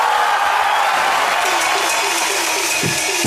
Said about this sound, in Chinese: 耶，来，鼓掌！